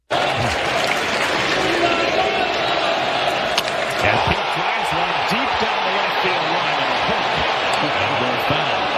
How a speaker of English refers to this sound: So it hooks foul. Mets radio on the call. You hear the crowd. That's pretty cool.